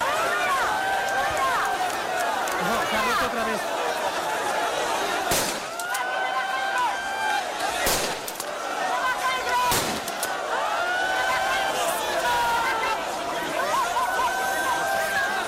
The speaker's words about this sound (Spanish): Los agentes han tenido que lanzar disparos al aire para tratar de controlar la avalancha durante ese agitado traslado.